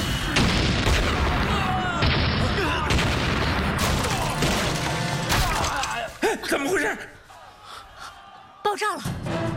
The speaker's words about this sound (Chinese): 怎么回事？爆炸了！